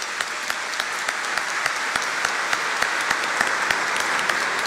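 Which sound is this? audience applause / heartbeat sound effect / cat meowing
audience applause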